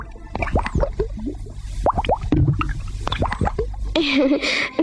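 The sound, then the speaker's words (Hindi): Air bubbles rise through water, as in the first thermometer, where a doctor counted the bubbles to gauge a fever, in a quick, irregular series of bright bloops and plops, each with a short rising pitch. A steady watery hiss runs beneath, growing fuller near the end. “उससे बुखार देखने के लिए डॉक्टर को पानी में उठते बुलबुले गिनने पड़ते थे।”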